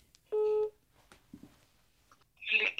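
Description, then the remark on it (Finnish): A phone line gives one short, steady electronic tone as a number is dialed from Emsjär to call Nauvo, followed by faint clicks and quiet handling sounds, then a brief rustling burst near the end. “Valitsen numeron ja soitan nauvoon.”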